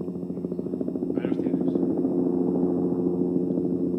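A helicopter's rotor chops in a steady, continuous drone at close range, holding at a fairly loud, even level for the whole stretch.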